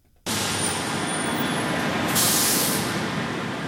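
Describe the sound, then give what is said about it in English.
Steady, dense rumble of heavy traffic at the curb of LAX airport in Los Angeles, with a sharp hissing burst of bus air brakes partway through; loud and continuous, no voices. “heads to the airport to tell us about the construction, the delayed people mover, and for travelers, a lot of confusion”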